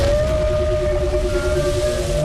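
A whale's echolocation call, used to find its way, rings out as one long, steady tone with faint overtones, loud, over a deep underwater rumble, lasting the whole moment with no voices.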